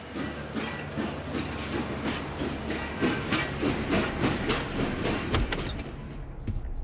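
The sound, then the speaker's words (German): A train pulls away from the station at Bitterfeld with steady hissing steam and a rhythmic clatter of wheels, busy, filling the scene without any voices. “Auch am Bahnhof Bitterfeld Abschied ohne Tränen.”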